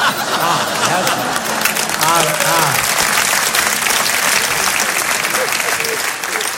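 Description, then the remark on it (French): An audience claps steadily for several seconds, a dense, even wash of applause at constant loudness, with a few voices and bits of laughter mixed in underneath. “Oui, là, hier, ils n'avaient pas applaudi, hein, on voit la différence.”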